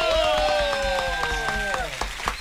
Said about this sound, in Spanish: Aplaudan, ¿por qué no aplauden? Sí, ahora sí, sin duda alguna.